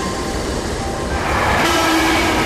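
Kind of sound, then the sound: vehicle, train pulling into station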